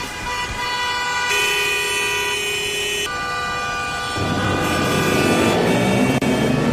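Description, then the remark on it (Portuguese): Busy street traffic with car horns blaring in long, overlapping sustained blasts that shift pitch every second or so, mixed with engine rumble and a siren-like tone, loud, with no talking. “É o trânsito.”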